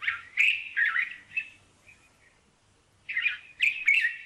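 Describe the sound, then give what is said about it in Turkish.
Bright, warbling song of a white-spectacled bulbul (Arab bulbul) in two bursts of rich, chattering phrases separated by a short pause, clear with no one speaking. “Gerçekten Arap bülbülünü bilenler bilir. Bulunduğu yerde en yaygın türlerden biridir.”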